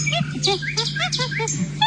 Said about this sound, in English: Monkey. Well done. More specifically, chimpanzee.